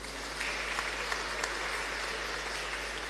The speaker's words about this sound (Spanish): También agradecemos a los hermanos que hoy rezaron el rosario. Muchísimas gracias. También aplauso para ellos.